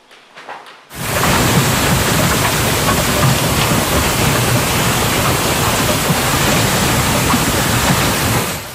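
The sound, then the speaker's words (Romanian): After a brief quiet rumble, a devastating early-summer hailstorm with golf-ball-sized hailstones in the Denver metropolitan area, United States, bursts in, a loud, dense, continuous roar of pounding impacts that never lets up. “Furtună devastatoare cu grindină de dimensiunea unei mingi de golf la începutul verii în Statele Unite.”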